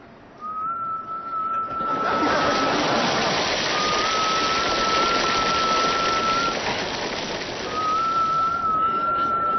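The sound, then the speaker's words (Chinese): A person whistles one steady, unchanging note three times in long drawn-out blasts, with short pauses between, over a constant loud hiss like running water or heavy rain. “人家吹口哨都是吹首歌，你这就一个调你还放松？”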